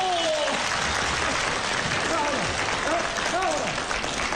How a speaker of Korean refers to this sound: 여러분들 자, 잘 한번 박수를 쳐주시오.